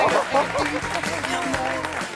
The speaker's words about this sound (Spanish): ¡Otro aplauso